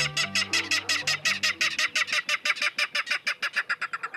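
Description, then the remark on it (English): A Ridgway's rail gives a loud clattering call from dense vegetation in a salt marsh near San Francisco, a long series of harsh, jolting notes that quicken as they go, prominent, with a faint low tone fading out early on. “These jolting notes, like a small engine cranking up, are the voice of a Ridgway's rail.”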